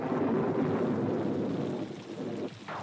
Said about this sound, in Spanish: Es de noche y llueve.